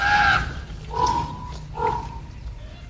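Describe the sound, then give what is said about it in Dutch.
Three harsh, raspy screeches from young ravens in the Groesbeek forest, spaced about a second apart, each a hoarse, nasal cry that rises and fades, with a low rumble underneath and no talking. “En nu zowaar met jongen. En dat gekrijs is van de jongen.”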